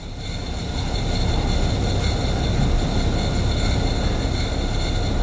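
A loud, steady mechanical rumble from a neighbour's air conditioning units, heard from a home in the early morning, with a constant droning hum and faint tonal whine, continuous for the whole stretch with no pauses or voices.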